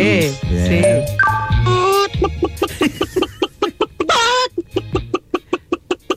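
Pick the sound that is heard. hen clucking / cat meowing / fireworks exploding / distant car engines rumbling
hen clucking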